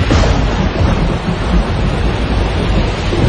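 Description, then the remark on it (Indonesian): A loud, continuous rumble of thunder rolls through steady heavy rain, the deep roar sustained throughout with no voices present. “udara lembab terus naik dan mendingin, menghasilkan awan hujan tebal dan petir.”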